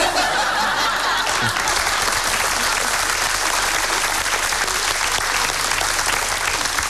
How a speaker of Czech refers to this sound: pojď na jeviště, ano, prosím, potlesk, diváci zatleskají